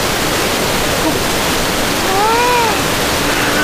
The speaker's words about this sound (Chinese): 这声音最大的地方， 啊，是岩石瀑布。哦，哇！